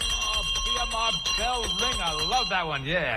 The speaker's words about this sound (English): Bell ring, I love that one, yeah.